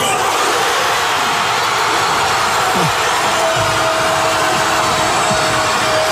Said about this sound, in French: Explosion évidemment de joie dans toute la ville.